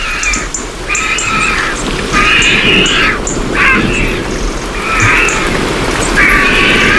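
Steady water dripping from tree canopies onto the ground, a dense patter of drops throughout, with loud, repeated harsh bird calls recurring every second or so over it.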